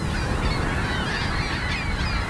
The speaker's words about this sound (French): And now they're back down on the ground already. Mais sans autre intervention, les goélands retournent à leur nid quelques secondes seulement après le déclenchement du pistolet pyrotechnique.